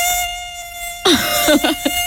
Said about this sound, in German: Und sobald man das Licht einschaltet, ist die verdammte Mücke natürlich verschwunden.